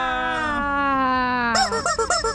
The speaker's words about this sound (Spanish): Ese pollito yo ya no lo había oído, yo pensé que andaba fónico porque no lo había escuchado, pero queremos que cante porque llega la semilla.